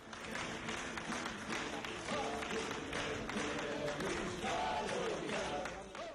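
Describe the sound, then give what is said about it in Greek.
Steady, sustained warm applause from a large crowd of relatives, friends and mourners at the funeral of Greek actor, director and songwriter Nikos Kalogeropoulos in Greece, dense and continuous throughout, with voices faintly mixed into the clapping. “ένα θερμό χειροκρότημα και το τραγούδι του …, συγγενείς, φίλοι και πλήθος κόσμου αποχαιρέτησαν σήμερα τον σπουδαίο ηθοποιό, σκηνοθέτη και τραγουδοποιό Νίκο Καλογερόπουλο.”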